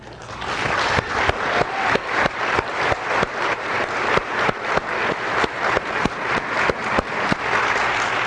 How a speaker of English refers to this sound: I want to take the time right now to give all those grandmothers who are right now praying for their children who are away from the church, I want us to applaud for them today.